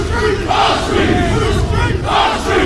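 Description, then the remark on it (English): A crowd of protesters dressed in black and wearing balaclavas, blocking roads at the port of Dover, shouts the chant "Whose streets are streets?" together in loud, rhythmic bursts, swelling and falling with each repeated phrase over a continuous roar of group noise. “They shouted, "Whose streets are streets?" earlier.”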